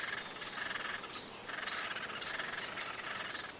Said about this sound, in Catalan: Picot garcer gros, Dendrocopus major. El trobem tots els mesos de l'any a les àrees forestals properes al riu.